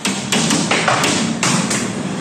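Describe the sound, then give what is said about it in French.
Hailstones strike window panes during a violent thunderstorm in the Rhône, France, in sharp, irregular taps and thuds, a handful of distinct hits standing out over a dense, steady roar of falling ice. Loud, with no voices. “Tout commence par quelques impacts sur les vitres.”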